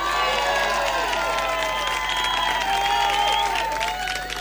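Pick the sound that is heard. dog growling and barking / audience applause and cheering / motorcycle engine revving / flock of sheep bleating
audience applause and cheering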